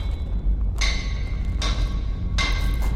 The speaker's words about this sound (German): Wann immer der Hammer auf den Amboss niederfuhr, sprühten Funken. Das glühende Metall festigte seine neu gewonnene Form.